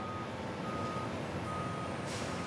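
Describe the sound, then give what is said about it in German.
A Mafi port terminal tractor rumbles while reversing at a harbour, moving containers and tanks unloaded from a train onto a Stena Line ferry. Its engine noise is steady and broad, with a high warning beep tone sounding over it. No voices are heard. “Die Maffi-Fahrer des Hafens bringen sie jetzt auf die Stena-Line.”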